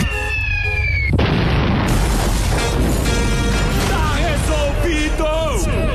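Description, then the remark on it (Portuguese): About a second in, a small moral-effect stun bomb, asked of the Military Police at a rodeo, goes off with a sudden loud bang, followed by a sustained roar of noise with shouting voices and whistle-like tones carrying on over it. “De efeito moral, só! Só a bombinha lá!”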